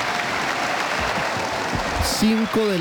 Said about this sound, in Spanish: Se pone de pie el auditorio de la Universidad Santiago de Cali, se pone de pie y lo aplaude al presidente del Senado, Honorio Enríquez, el presidente Abelardo de la Espriella.